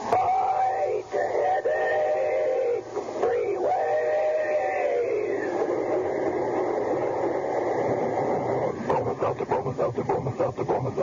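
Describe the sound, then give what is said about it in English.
A talking-train sound effect in an advertisement for a headache remedy: a steam train's whistle and rumbling chug are shaped into speech-like, voice-like phrases, a loud, wavering tonal sound that gives way to rapid rhythmic chugging near the end. “When it's a common sick headache that has you feeling miserable, let our talking train tell you how to lick it.”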